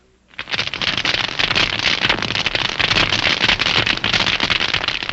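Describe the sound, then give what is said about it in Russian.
Dense, continuous crackling of snapping shrimp, millions of tiny crustaceans living on the rocky sea floor, picked up underwater by a hydrophone: a fizzing wall of countless sharp clicks and pops that starts abruptly and stays loud and steady throughout. “Гидрофон улавливает их громкую трескотню.”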